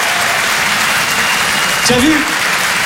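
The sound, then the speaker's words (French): A French-speaking comedy audience applauds itself loudly at the comedian's urging, with a dense, steady wash of clapping throughout and a brief voice or cheer rising out of it near the end. “Applaudissez-vous.”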